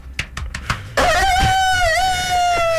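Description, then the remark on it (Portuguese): A person imitates a rooster crowing, starting with a few short clipped bursts and then breaking into one long, loud, sustained cock-a-doodle-doo call. “Com esse galo cantando aqui,”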